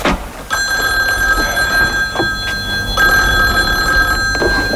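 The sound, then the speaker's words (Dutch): An old-fashioned telephone bell rings loudly in two long bursts with a short pause between them, a bright metallic trill with no one speaking; it is the telephone in the Dutch TV show Van Oekel's discohoek. “En waar Evert van der Pik, de assistent van chef Van Oekel, de telefoon zelf even aannam.”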